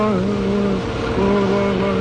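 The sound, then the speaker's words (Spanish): A peculiar sci-fi sound of little blue space men, heard through a small speaker mounted above a television screen: a loud, continuous buzzing drone of layered tones that briefly dips and wavers in pitch midway, then steadies again, with no talking. “A través de una pequeña bocina instalada sobre la pantalla televisora, se escuchó aquel sonido peculiar de los hombrecillos azules del espacio.”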